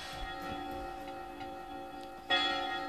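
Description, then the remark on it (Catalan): Church bells ringing, a steady sustained peal of overlapping metallic tones with a fresh, louder strike near the end. No voices. “A les campanades.”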